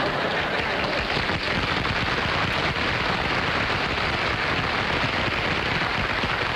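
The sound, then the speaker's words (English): An audience claps in a steady, dense burst of applause that holds an even loudness for several seconds, a thick crackle of many hands with no voices standing out. “I'm a bit afraid now that you have applauded that, that I'll be deluged with cookies from you good people in the television audience.”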